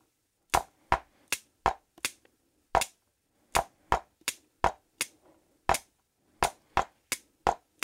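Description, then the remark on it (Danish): Sharp, dry wooden clicks of drumsticks strike in an uneven, syncopated pattern, a syncopation played over the steady beat, some hits bunched in quick pairs and others after short pauses, with no voices. “Og nu prøver jeg at lave en synkope henover.”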